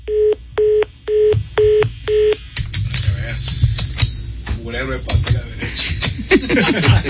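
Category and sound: signal or alarm, telephone keypad dialing tones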